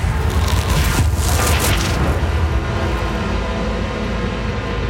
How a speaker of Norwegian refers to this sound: Lyden av flammene ble høyere og høyere.